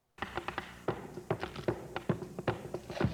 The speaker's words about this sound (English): This commercial, very corny. Everyone's playing the rhythm of a beat with coins at a Taco Bell.